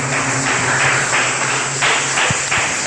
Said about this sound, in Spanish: Le damos un poderosísimo aplauso.